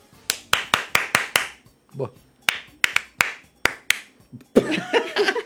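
Sharp hand claps ring out in quick bursts, a run of six, then a few more after a short vocal sound, fairly loud, before a noisy rustle takes over at the end.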